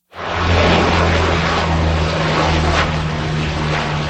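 A Canadair water bomber aircraft roars loudly, its propeller engines giving a steady, heavy drone with a low throbbing hum for the full few seconds, with no voices, while fighting wildfires around Lège-Cap-Ferret in Gironde, France.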